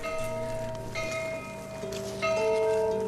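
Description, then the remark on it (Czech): Chapel bells ring in a steady, overlapping peal, each new strike layering over the lingering hum of the last, fairly loud and resonant with no voices present. “Zvona kapelice također.”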